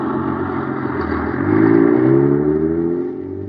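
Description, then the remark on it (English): A heavy motor truck engine rumbles steadily on a highway in Los Angeles, pulling a huge 35-foot, 10,000-pound rocket clubhouse on a trial run. Its pitch rises and grows louder midway as it drives by, then eases off slightly as it continues down the road. No one speaks. “Zooming down the highway, pulled along by an honest-to-goodness motor truck.”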